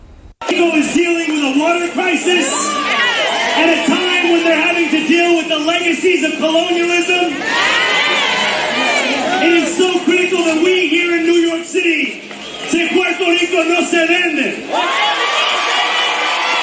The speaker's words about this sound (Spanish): Y entre gritos y aplausos, el alcalde de Nueva York, Soran Mamdani, el que vieron ahí, fue recibido por los asistentes del Toñita Fest, celebrado frente al 244 de Grand Avenue, donde ubica el Caribbean Social Club.